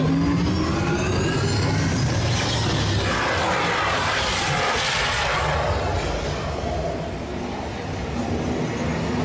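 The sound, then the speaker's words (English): Several sim cars rev and accelerate hard together in an off-road, extreme-weather sprint, a loud, continuous engine roar with rising pitch sweeps and rumbling low end, without any voices. “Commencing sim car off-road and extreme weather sprint.”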